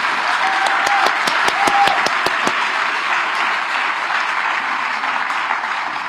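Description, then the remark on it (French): An audience applauds the elderly, a dense wash of many hands clapping at steady loudness for the whole stretch, with a few sharper individual claps standing out early on. “On applaudit les personnes âgées. Très fort, si c'est vrai.”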